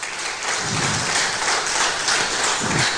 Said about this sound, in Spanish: Denle un fuerte aplauso al Rey de Reyes y Señores de Señores.